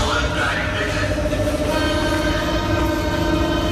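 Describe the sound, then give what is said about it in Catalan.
A Berlin subway train rumbles along at speed during a heat wave, its windows open because the cars have no air conditioning: a loud, steady roar of wheels and rushing air with a continuous metallic rattle, with no clear talking. “És el metro de Berlín en plena onada de calor.”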